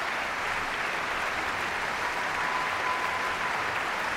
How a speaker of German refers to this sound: Bravo-Rufe, viele Leute im Publikum, die aufstehen. Applaus für diese großartige Leistung.